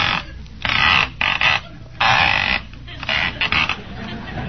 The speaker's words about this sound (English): Certainly a noisy dial in there, ain't it?